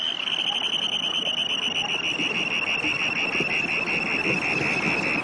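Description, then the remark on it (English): A russet, black and white Dunlin flying by gives its harsh, ringing scream as it returns to Earth from its display flight: a steady, high, buzzy trill held for several seconds, sliding gently downward in pitch over a constant hiss of background noise. “This beautiful little russet and black and white Dunlin that is flying by issues a harsh, ringing scream as it returns to Earth from its display flight.”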